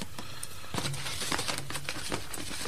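A bag holding pictures rustles and crinkles as it is handled, giving a steady run of dry crackles and brief sharper crunches over a few seconds, fairly quiet, with no voices.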